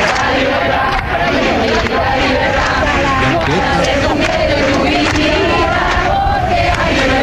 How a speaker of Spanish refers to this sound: Después de aquel asesinato de ETA de Miguel Ángel Blanco, continuaron las vigilias y las protestas contra la banda terrorista. El 14 de julio, la gran manifestación convocada en Madrid terminó en ese punto.